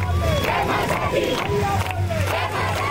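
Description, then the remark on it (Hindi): A large crowd of devotees chants and cheers in loud, overlapping shouts as the goddess Durga's idol arrives at a festival pandal in Dhanaut village, Durg district, voices rising and falling continuously over a steady low hum throughout. “माँ की दिव्य प्रतिमा के आगमन के साथ ही पूरा वातावरण जयकारों से गूंज उठा।”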